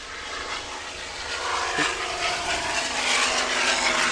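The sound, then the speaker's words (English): A propeller aircraft engine drones steadily with a buzzing, harmonic roar that swells louder over a few seconds, as if the plane is passing, at an airshow where many aircraft types depart and arrive. No one speaks. “Yeah, I don't think you could ever, there's nowhere in the world you'd be able to see this departure or the arrivals of this many aircraft types.”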